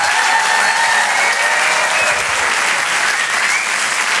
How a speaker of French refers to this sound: Vous pouvez l'applaudir très fort, Sébastien Marx.